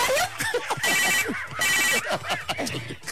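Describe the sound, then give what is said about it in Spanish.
A telephone rings in two bright, buzzy bursts, each lasting about half a second, with chatter and other sounds mixed around it. “Hijo, ¿qué se timbre el teléfono, verdad?”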